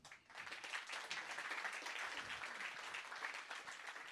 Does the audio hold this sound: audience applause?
yes